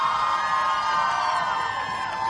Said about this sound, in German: die fette, tobende, johlende Menschenmenge, die ihr hört vor unserer Bühne